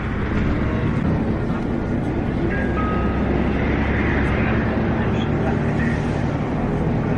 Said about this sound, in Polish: Będę mówił, co się dzieje w głośnikach, ponieważ, no, jak słyszycie, nie jest to zbyt dobrze ustawione i zbyt wyraźnie tego nie słychać. Zwłaszcza w takim hałasie, jaki robi silnik.